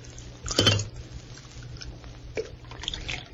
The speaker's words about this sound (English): Well, he looks clumsy, but he poured the coffee as well as a man could.